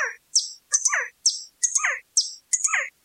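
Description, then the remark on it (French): Bright bird chirps in South America repeat in a steady pattern, about six quick bursts of high whistled notes each paired with a lower trill, with no talking. “Nous sommes partis en bateau vers un pays étranger pour observer les oiseaux.”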